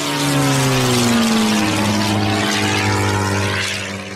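A propeller plane's engine drones loudly and steadily, its pitch shifting slightly as it passes by, then easing off a little at the end. No voices.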